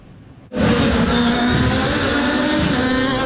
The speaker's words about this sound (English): As the cars raced by, many fans were entranced by the sound of those engines. I just like the loudness, watching the cars racing. It's just a fun experience.